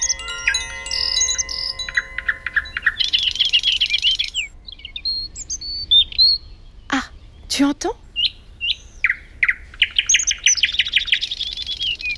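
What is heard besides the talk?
blue tit singing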